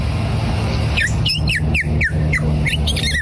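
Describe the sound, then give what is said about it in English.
A person imitates a purple martin's call: a quick series of bright, gurgling chirps, about eight in rapid succession, fairly loud over a steady low background hum. “Next, the purple martin.”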